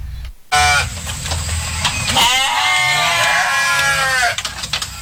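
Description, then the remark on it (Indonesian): Several goats bleat loudly, their wavering cries overlapping in a long, quavering call, with a steady low background noise and no one speaking. The goats are in a simple pen built of wood with a zinc roof, at a home in Lempake, Samarinda, with a pile of green fodder in front of it. “Suara kambing terdengar dari kandang sederhana di lingkungan rumah Sukiman di kawasan Lempake, Samarinda.”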